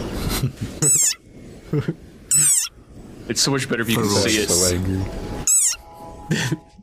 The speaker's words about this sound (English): like this desert rain frog squeaking viral sensation. million hits and counting. It sounds like a dog toy. But actually, this is the sonorous war cry of a very angry frog.